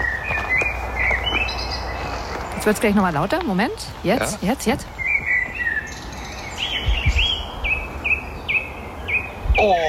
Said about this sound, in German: da habe ich mal kurz das Handy ausgepackt und habe ein paar Vogelstimmen aufgenommen. Ich weiß jetzt nicht, ob die einen badischen Dialekt haben, die Vögel, aber kannst du mal reinhören kurz?